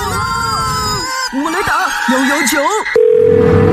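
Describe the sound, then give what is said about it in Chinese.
A phone line hums behind some brief, sliding vocal sounds, then a loud, steady telephone dial tone cuts in and holds until the end, as a call is placed to 119, the fire emergency number. “我来打119。”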